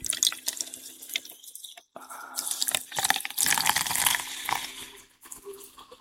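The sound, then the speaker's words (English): Coca-Cola pours into a glass already holding lime and rum, making a rum and Coke: a steady splashing stream with bright fizzy crackle. It briefly stops around two seconds, then resumes and tapers off. “And the cola. Rum and Coca-Cola.”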